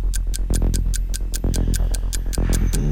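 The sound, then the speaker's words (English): A quiz countdown clock ticks in a fast, steady rhythm, each sharp tick clear, layered over a low, sustained musical drone with no voices. “Stop the clock.”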